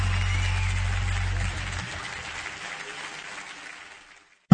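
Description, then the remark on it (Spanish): Loud, dense applause from a crowd fills the space, holding steady at first, then thinning and fading out over a few seconds before it stops. “aplauso fuerte”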